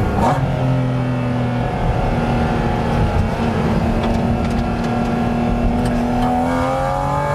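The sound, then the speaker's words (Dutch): The engine of a mid-engined 718 GT4 RS sports car revs hard and accelerates on a public road, its loud, sustained roar rising and shifting in pitch, with no voices over it. “En zo'n auto als dit, die 718 km GT4 RS, ja, die komt natuurlijk echt beter tot zijn recht op het circuit.”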